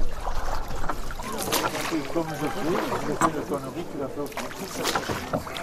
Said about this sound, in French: Et nous voilà partis pour une descente en gabarre d'environ 10 km sur la Dordogne.